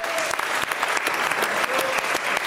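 An audience bursts into steady, dense applause, a continuous rush of many hands clapping with no voices standing out, lasting a few seconds at an even, fairly loud level.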